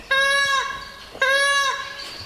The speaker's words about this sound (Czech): To, co slyšíte, to není mňoukání kočky, ale pláče nám tady panenka z kočárku. Nacházíme se ve Vlastivědném muzeu v Jesenici, ve výstavním sále, kde se konají pravidelné výstavy a nyní můžete zhlédnout výstavu retrohraček zhruba od roku 1960